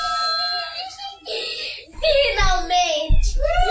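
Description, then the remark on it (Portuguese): A wife crying in the background in drawn-out, wavering sobs with a strained, high pitch, fairly loud, broken by short pauses, with a few low thumps near the end, as the family reacts to a first food-delivery order. “A esposa chorando ao fundo.”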